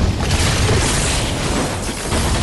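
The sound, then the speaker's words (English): Heavy wooden frames holding educational decrees all drop from the wall and crash and splinter against a stone floor. There is a loud, dense, continuous clatter of impacts and rumbling debris that never lets up, with no voices. “The heavy wooden frames all drop from the wall and smash against the stone floor.”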